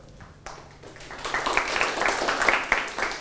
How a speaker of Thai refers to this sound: ปรบมือให้กลุ่มที่1